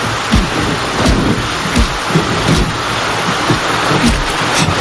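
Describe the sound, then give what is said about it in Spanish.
Heavy rain pours down in a steady, dense hiss that fills the whole clip, loud, with occasional low rumbling gusts underneath and no voices. “Madre mía, la que está cayendo. Qué malo recuerdo me trae esta lluvia.”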